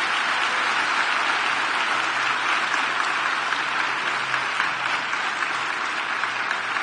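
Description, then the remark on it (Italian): Sustained audience applause for a young woman, at an event where Giorgia Meloni is speaking from the stage; a dense wash of many hands clapping at a steady, fairly loud level for several seconds with no voices rising above it. “Facciamo un altro grande applauso a questa ragazza.”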